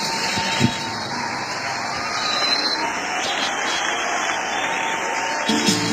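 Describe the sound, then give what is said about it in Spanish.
An audience applauds in a steady, dense wash of clapping that holds at an even loudness for several seconds, with faint crowd voices mixed into the noise. “Denle un voto de aplauso, hermanos.”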